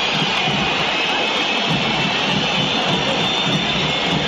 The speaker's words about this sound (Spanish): Perdió River y hay silbatina, terminó el partido. River 0, Rosario Central 1. River es una constante, River es un silbido permanente, con Gallardo, sin Gallardo, con Coudet, con los pibes, con los grandes